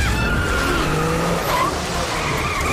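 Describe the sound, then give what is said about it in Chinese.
Race car tires screech and skid in a loud, sustained squeal during a race, the racer's car in trouble as its tires near their limit under hard pursuit, with the roar of an engine running underneath throughout. No voices are heard. “新航选手的赛车出现了异况。看来在激烈追赶之下，他的轮胎已逼近极限。”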